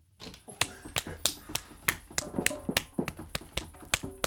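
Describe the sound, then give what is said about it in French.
A green woodpecker taps on wood: a quick series of a dozen or so sharp, dry knocks at an uneven pace, each crisp and fairly loud, with no voices. “Hé hey petit, qu'est-ce qui te prend de te taper le front comme ça? T'es marteau ou quoi? Le pic vert me répond!”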